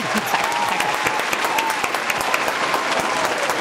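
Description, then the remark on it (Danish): A studio audience claps steadily for several seconds, dense overlapping hand claps, with a faint murmur of voices underneath. “Jeg synes lige, skal han klapsalve mere.”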